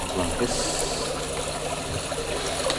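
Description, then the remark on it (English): Water is poured steadily into little polystyrene cups as it is shared out among a group, each person in turn receiving a share; a continuous trickling splash with a bright, hissy texture, and faint murmuring voices in the background. “And now everyone is sharing in the water. It's poured out into little polystyrene cups.”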